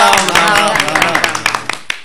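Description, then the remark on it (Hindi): A crowd at a politician's speech applauds with brisk, overlapping claps that rise and fall over a couple of seconds, loud, with some voices mixed in underneath. “अच्छा सबको हमारी बात सुनवे के लाने बहुत बहुत धन्यवाद, हम फिर कहूंगा है अपन सबका राम राम, बजा ताली।”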